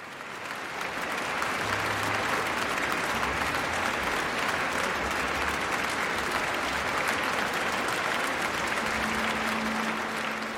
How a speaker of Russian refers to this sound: Михаил Плетнев и Российский национальный оркестр. Заслуженные овации публики, концертного зала имени Чайковского, маэстро Плетневу и музыкантам РНО.